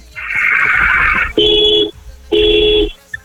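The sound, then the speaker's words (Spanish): An Uber driver's car horn, in the Polanco area, sounds five medium-length blasts of about half a second or more each, separated by short gaps, with a steady buzzy tone and no voices. “Ok, estupendo, hermano, regálame por favor 5 bocinazos medianos ahora.”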